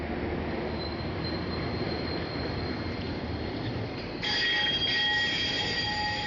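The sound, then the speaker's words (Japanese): A streetcar in Nagasaki, Nagasaki Prefecture, Japan, rumbles past between buildings with a steady, loud rolling noise, then thin high-pitched wheel squeals ring out near the end, echoing slightly. No one speaks. “ビルの間を路面電車が行き交います。”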